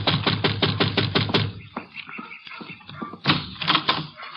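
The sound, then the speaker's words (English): A quick, steady run of about eight firm, loud knocks on a wooden door of Shady Rest, a shabby rooming house, followed by quieter rustling and a few softer thumps. “And you better knock again.”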